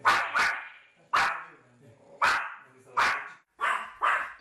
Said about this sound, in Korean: 일정 거리를 두고 계속 설샘을 쫓아다니며 짖는 제니.